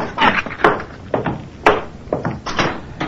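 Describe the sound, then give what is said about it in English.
A door is pushed shut, producing a string of sharp wooden knocks and clatters at uneven intervals, with two louder thumps standing out and no voices present. “would you close the door on your way up?”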